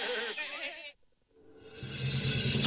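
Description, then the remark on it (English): A short, wavering goat bleat sounds, then breaks off into a brief quiet before a rising wash of noisy, busy sound fills the rest. “They called WPTS Radio the Petting Zoo because all your goats are playing.”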